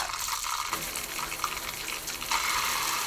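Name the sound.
shower water running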